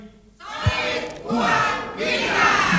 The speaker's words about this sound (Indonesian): Yel-yelnya dong, yel-yelnya. Oke, untuk anggota Banyuwangi. Untuk yel-yel. Banyuwangi. Siap. Banyuwangi BC 1325 Banyuwangi.